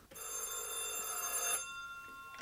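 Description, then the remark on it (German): A telephone bell rings in one sustained, shrill burst of about a second and a half, then stops, leaving a faint tonal hum before another ring begins at the very end. “Der Zufall bediente sich des Telefons.”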